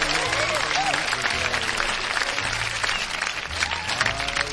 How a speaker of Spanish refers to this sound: Un aplauso grande para toda la gente bonita.